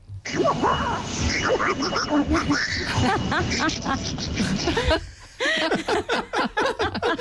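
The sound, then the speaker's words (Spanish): A person imitates Donald Duck with a raspy, quacking, garbled voice, delivered loudly in rapid bursts, breaking briefly before a final run of choppy syllables. “Imitando al pato Donald.”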